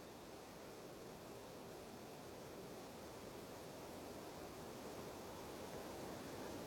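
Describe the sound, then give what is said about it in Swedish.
A steady, even rush of wind through forest leaves at Näsetsjön, heard from the top of the hill, a soft continuous hiss that neither swells nor fades, with no voices. “Man lyssnar på fåglarna och det surrar lite grann och det blåser i skogen, löven så.”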